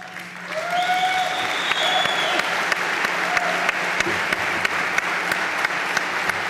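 Dense audience applause with steady, rapid clapping throughout, joined by a few sharp louder claps and some brief whistles rising above the crowd noise.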